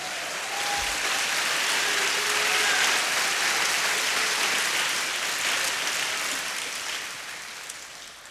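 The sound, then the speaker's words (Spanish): An audience claps their hands together in a dense, sustained burst of applause lasting several seconds, steady and full before tapering off slightly at the end, with no voices over it. “Dele palmas al Señor.”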